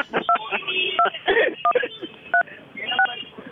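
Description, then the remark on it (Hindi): A series of short two-tone mobile phone keypad beeps, about five or six presses spaced unevenly, each a clear bright dual tone sounding over a busy, muffled background of voices or noise, during a Radio Mirchi broadcast. “अगर आपको इस सबसे मजा आया हो तो कृपया दबाए 5,07,339।”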